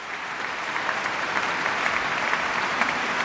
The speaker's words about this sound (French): Et un déluge d'applaudissements pour le pianiste, pour Pierre-Laurent Aymard, qui est l'une des grandes figures du piano français.